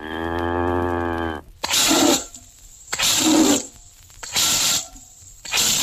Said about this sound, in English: Milk this cow. Hurry, hurry. I'm in an awful rush.